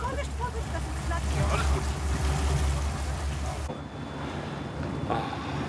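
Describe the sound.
A small boat, bought during the Corona period, moves through very shallow water in a lake district in fine weather: a steady low motor rumble and water wash, heavy at first, then dropping off partway through, leaving lighter splashing and wind buffeting the microphone, with faint voices in the background.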